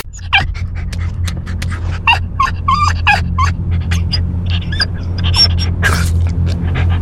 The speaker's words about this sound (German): So hört es sich an, wenn dein Hund einen qualvollen Hitzetod erleidet. Lass deinen vierbeinigen Freund nicht im Auto zurück.